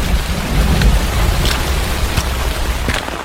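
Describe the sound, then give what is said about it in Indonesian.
Light drizzle falls steadily outdoors at dawn at the site of a landslide, an even hiss over a low rumbling background, with a few sharper drops pattering through. No one speaks. “di tengah rintik hujan subuh langsung meninjau bekas longsoran.”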